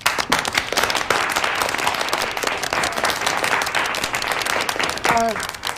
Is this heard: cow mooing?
no